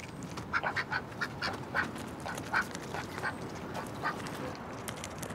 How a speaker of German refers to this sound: Enten sind die logischsten Haustiere, wenn man auf einem Boot lebt. Und sie sind süß.